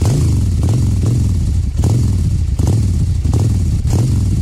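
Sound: motorcycle engine revving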